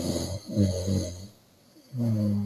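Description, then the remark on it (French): A voice imitates a mother's loud, rasping snoring: a long rattling snore, a short pause of near silence, then another snore starting, with no talking. “Et un bruit que je n'aime pas, c'est quand ma mère ronfle.”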